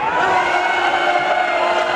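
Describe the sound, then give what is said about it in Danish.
The crowd at Næstved Metalfest cheers loudly and steadily, a dense wash of many voices shouting and whooping together without pause for the full two seconds. “Sådan, de gav den virkelig gas.”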